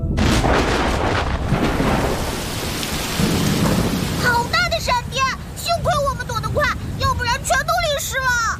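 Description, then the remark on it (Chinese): Heavy rain pours steadily in a passing thunderstorm shower with deep rolling thunder rumbling; partway through, bright warbling tones rise over the continuing downpour. “是雷阵雨，一会儿就过去了。”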